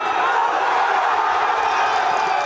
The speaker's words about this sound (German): In Spanien kennt der Jubel hingegen kaum eine Grenze.